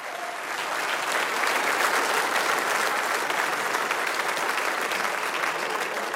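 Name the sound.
audience applause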